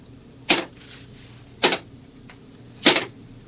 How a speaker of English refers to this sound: Your majesty, pick up, I pray thee, the arrows that remain in thy quiver. Hold them in thy hand and beat them upon the floor.